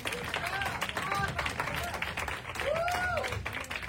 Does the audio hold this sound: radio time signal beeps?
no